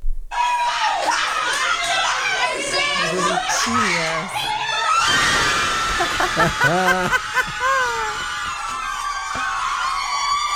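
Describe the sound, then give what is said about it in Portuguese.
A group of nuns erupts in loud cheering and high-pitched screams, excited shouts and laughter overlapping continuously, raucous throughout, celebrating the Brazilian national team's second goal. “Nossa produtora Laura Cruz separou um vídeo de umas freiras comemorando o segundo gol da seleção brasileira.”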